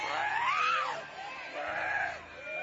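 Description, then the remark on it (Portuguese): A person screams loudly during a religious deliverance session in which people are urged to shout for Jesus to burn the spirit, a strained, wavering cry that rises and falls, breaking briefly before resuming in a second long, hoarse wail. “Vai gritando para Jesus queimar.”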